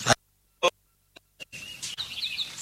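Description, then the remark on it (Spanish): Agitated hens clucking: a couple of sharp, isolated squawks, then a dense, continuous flurry of frantic cackling and shrill calls, fairly loud, with no talking. “Las gallinas. ¿Qué pasa con las gallinas? Se están poniendo como locas, señor.”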